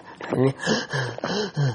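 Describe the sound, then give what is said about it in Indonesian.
A person imitates the wheezy, high-pitched panting of someone with 'hot lungs', voicing four strained, breathy gasps in a quick, uneven rhythm, moderately loud. “Gejala yang muncul adalah terengah-engah, parah dengan suara yang tinggi.”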